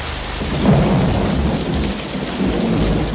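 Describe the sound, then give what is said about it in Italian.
Steady, dense rainfall pours down with a low, continuous rumble of thunder rolling underneath, loud throughout with no voices. “Fammelo dire prima che la pioggia finisca e noi torniamo indietro.”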